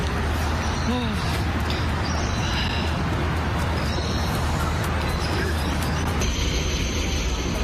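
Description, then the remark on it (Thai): A light rail tram, being boarded, rumbles steadily with a continuous low hum and a faint high-pitched whine, the noise shifting slightly near the end, while faint voices murmur in the background, on a cold, partly cloudy day. “ตอนนี้เรามาต่อรถด้วยการขึ้นไลท์เรลนะคะหรือว่าแทรมนั่นเองรถรางค่ะ เราจะมาขึ้นแทรมกันนะคะมีตารางบอกเวลาด้วย”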